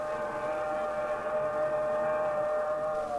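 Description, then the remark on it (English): A southbound express train's horn blares at a station platform as it approaches, one long, sustained chord, loud and steady throughout, its pitch sagging slightly at the end as the train bears down. No one speaks. “He glances up the track, the fast-approaching southbound express.”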